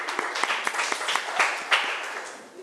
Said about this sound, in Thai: ถูกต้องค่ะนักเรียนเก่งมากปรบมือให้ตัวเองหน่อย